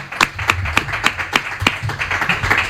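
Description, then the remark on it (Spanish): A short burst of farewell applause for guests on a Radio Marca broadcast from the Hisense headquarters: sharp, crisp claps from a few people in a loose, uneven rhythm, fairly loud over a low murmur of background noise. “Y nada, que os vais a llevar este aplauso ya para despedir.”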